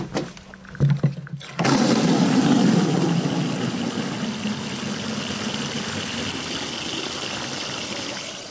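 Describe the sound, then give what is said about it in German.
After a second or so of near quiet with a faint knock, rainwater gushes from the bottom tap of a 1000-litre rain barrel in the backyard of an apartment building on Fritzsche Straße, Berlin-Charlottenburg, into a watering can, filling about 10 litres, a loud, steady splashing rush that softens slightly as it fills. No one speaks. “Und da stellen wir mal die Gießkanne drunter.”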